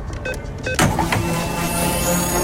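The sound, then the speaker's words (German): A fuel card charging sound effect on Radio Regenbogen: a few quick clicks, then a sudden burst into a steady, loud mechanical whir with a humming tone that holds for about two seconds. No one speaks. “Immer dann, wenn wir die Karte bekanntlich aufladen.”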